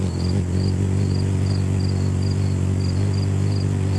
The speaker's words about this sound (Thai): เราจะได้ยินเสียงเหมือนแมลงวันมากกว่านกอ่ะคือเขาบินถี่มากทำให้เขาได้ชื่อนี้มาคือชื่อฮัมมิงเบิร์ดมาจากเสียงของการกระพือปีกแบบเหมือนเสียงฮัมเพลงอะไรแบบเนี้ย